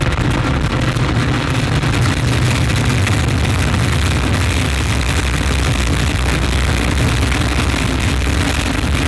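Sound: rocket liftoff engine roar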